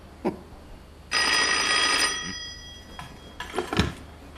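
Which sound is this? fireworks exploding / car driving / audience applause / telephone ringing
telephone ringing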